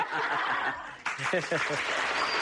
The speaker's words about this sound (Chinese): 别鼓掌，一鼓掌我们不好意思。